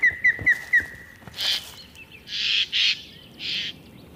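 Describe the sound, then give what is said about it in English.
Jays give loud, harsh, raspy alarm calls in several bursts, preceded by a quick run of four short whistled notes, with no talking, as they mob ospreys. “The ospreys are just trying to go about their business, but as predators, they are not welcomed in this community, and the jays want to make sure they know it.”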